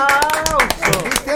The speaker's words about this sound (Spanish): Oye, un aplauso.